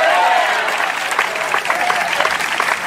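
An audience applauds Christ during a sermon, loudly and steadily, a dense wash of many hands clapping at once that holds for the whole stretch without fading, with a few sharper claps standing out.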